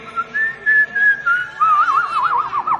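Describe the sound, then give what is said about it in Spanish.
Someone whistles an imitation of a goldfinch call, starting with a steady mid-pitched tone and breaking into quick, wavering warbles and trills, loud and alone for about three seconds. “Es un jilguero.”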